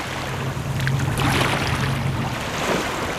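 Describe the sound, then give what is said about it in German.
Calm water of the Bidasoa River, between Spain and France, flows steadily toward the sea with a soft, continuous wash, joined by a low engine-like hum that fades out near the end. Nobody speaks. “Der Bidasoa fließt ruhig dem Meer entgegen und die Fasaneninsel liegt wieder fast vergessen in der Mitte des Flusses zwischen Spanien und Frankreich.”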